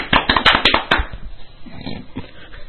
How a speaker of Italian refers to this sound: Abbiamo deciso che abbiamo un pubblico qui che al nostro cenno applaude come i deficienti.